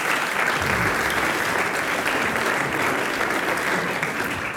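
Dense, steady audience applause fills the whole stretch, a continuous wash of many hands clapping at an even, fairly loud level with no speech over it; the audience applauds itself after singing a last verse.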